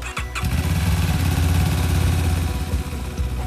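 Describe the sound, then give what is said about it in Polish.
A motorcycle ambulance of the Voivodeship Medical Rescue Station in Łódź, Poland, used to transport blood and plasma, cranks and fires up, then settles into a steady, loud idle with a throbbing low rumble that continues to the end. “Nowy motoambulans w Wojewódzkiej Stacji Ratownictwa Medycznego w Łodzi.”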